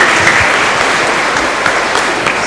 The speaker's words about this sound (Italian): Glielo facciamo un applauso a tutti questi bambini. Ecco qua. Bravi, bravi e bravi.